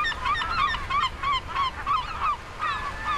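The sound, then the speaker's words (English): A flock of American herring gulls calls over and over, their loud, nasal cries overlapping in a busy chorus with no pauses and no talking. “in Buffalo, New York, where I love watching American herring gulls.”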